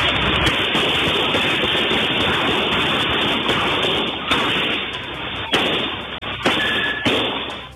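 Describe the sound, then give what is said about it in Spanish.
Several sharp, irregular gunshots crack out over a constant, harsh roar of noise, a handful of bangs clustered toward the end, sounding like a muffled, distorted recording of a shootout on a public street, Calle Biobío, in a busy commercial area, between at least four criminals and security guards. “La situación derivó en una intensa balacera en plena vía pública, en un sector con alta afluencia de personas y locales comerciales.”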